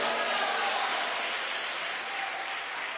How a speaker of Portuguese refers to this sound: Pode aplaudir a Jesus. Pode dar glória a Deus.